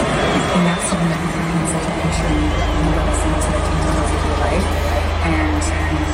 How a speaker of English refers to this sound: A lot of booing going on as that played overhead and on the big screens, which I think is just so disappointing, especially for country music fans.